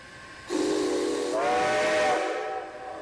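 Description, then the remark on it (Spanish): A steam train whistle blows a long, loud blast that rises in pitch partway through, with breathy hiss around the tone, then trails off. No one speaks. “El primer ferrocarril de Chile.”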